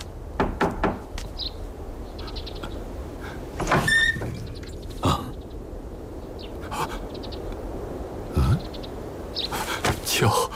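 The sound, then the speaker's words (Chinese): Sharp knocks on a door by someone outside come in irregular bursts, a quick cluster at first and then scattered raps spaced several seconds apart, over a quiet background. “外面有人敲门，孩儿去看看。”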